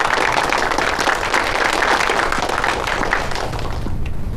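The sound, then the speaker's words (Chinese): A crowd applauds steadily for several seconds to congratulate Commissioner Chen on his promotion, dense overlapping claps forming a continuous wash of sound that stays fairly loud throughout and tapers only slightly at the end. “大家鼓掌，祝贺陈专员荣升。”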